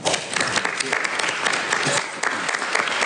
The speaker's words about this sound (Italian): Visto che sto qua non vi siete risparmiato l'applauso. Grazie.